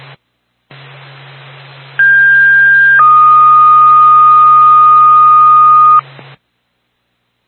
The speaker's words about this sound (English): Twin States, the Sugar Hill Fire Department. Stand by for tone.